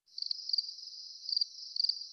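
A cricket trills steadily at a high pitch, with a few louder bursts of chirping every half second or so. It stands alone, with no voices.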